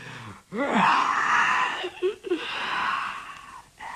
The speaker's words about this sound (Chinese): 为首的那个景玉没说话，先打了个哈欠。